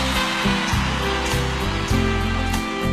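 Steady, dense applause from a crowd, a continuous wash of many hands clapping at once with no individual claps standing out, holding at an even loudness throughout with no voices.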